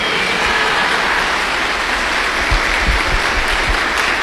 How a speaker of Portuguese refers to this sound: E as palmas de vocês me emocionaram. Eu nem esperava tanto assim.